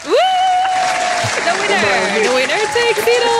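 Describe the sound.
Steady, loud audience applause for the winner of a contest fills the whole moment, a dense clatter of clapping hands, with high cheering voices and whoops rising and falling over it.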